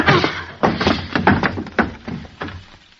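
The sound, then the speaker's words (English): A wooden chair crashes into a man: a loud burst of heavy thuds and cracking knocks, five or six hits in quick, irregular succession with no talking. “What'd you hit him with the chair for,”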